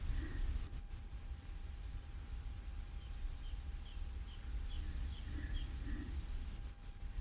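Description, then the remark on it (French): A firecrest sings high, thin, rapid notes in short bursts of accelerating trills, repeated four times, with softer twittering between phrases over a low rumbling background. “Un autre tout petit oiseau, alors vraiment, il faut bien prêter l'oreille pour l'entendre, c'est le roitelet à triple bandeau.”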